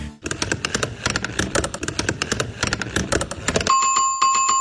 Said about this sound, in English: And the Pit 611 Plinko Chip falls for the final time into slot 3.